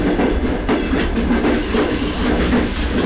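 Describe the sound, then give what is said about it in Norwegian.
A train rumbles and clatters steadily along the rails, loud, with repeated faint clicking of wheels over track joints and a broad hiss of motion throughout. “Jeg synes faktisk, det er en mega behagelig rejseform at sidde i et tog.”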